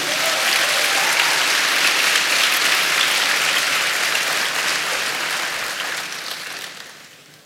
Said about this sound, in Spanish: Dele palmas al Señor.